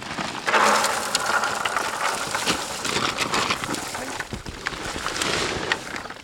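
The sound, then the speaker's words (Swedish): Berries just picked in the forest pour steadily into a crate, about 5 kilograms leaving it roughly half full, a dense, continuous rattle of many small soft impacts that stays fairly loud for about six seconds, with faint murmurs of voices underneath. “Men jag kan ju inte visa er alltså, i sändning här, men vi ska hälla över dem i en tråd, alltså en back här, ska ni få höra.”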